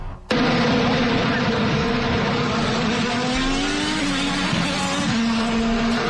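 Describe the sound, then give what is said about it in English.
Loud, sustained roar of racing car engines during a new motor race in the nation's capital, a dense high-revving drone with shifting pitch as cars scream past, filling the whole clip after an abrupt start. “Like motorcycles than racing cars, but history was made this weekend in the nation's capital with the Freedom 250.”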